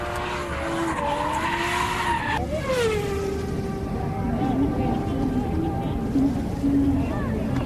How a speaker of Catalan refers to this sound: Aquesta ha fet una derrapada a la corba.